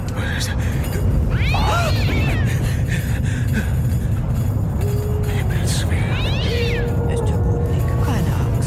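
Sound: earthquake rumble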